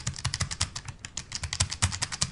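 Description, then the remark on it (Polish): Rapid, loud clacking of braille keyboard keys pressed all the way down, a dense run of sharp clicks in quick irregular rhythm, with no voices. “Na górnej powierzchni mamy od góry klawiaturę brajlowską, dość klikającą, dość hałaśliwą, choć właśnie stwierdziłem, że tej klawiatury nie musimy dociskać aż do końca, bo gdybyśmy chcieli dociskać do końca, to odgłos byłby mniej więcej taki.”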